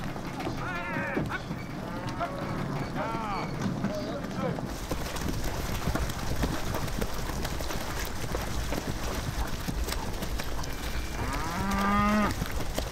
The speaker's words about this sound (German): Die Kühe werden bei Ebbe vom Festland auf die Halligen getrieben. Fester Boden unter den Hufen wäre ihnen allerdings sichtbar lieber.